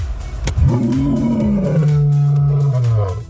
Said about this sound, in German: Heute wird im Zoo Leipzig kräftig gebrüllt.